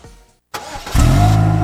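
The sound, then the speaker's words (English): A car engine cranks briefly after a short silence, then catches and roars into a loud, steady run with a deep low rumble, with no voices. “Well, this is great. The car is finally running right.”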